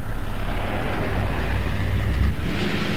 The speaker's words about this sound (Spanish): La espera no duró mucho más. Pasadas las 4, aparecieron un par de camiones de 2 cuerpos levantando el polvo en el horizonte.